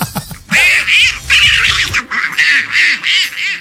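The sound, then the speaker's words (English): A raspy, nasal Donald Duck cartoon voice squawks rapid quacking gibberish in several loud bursts, imitating a duck's speech with short pauses between phrases. “And so you're fluent in Duckness? I am. In Donald Duck? In Donald Duck language, yes.”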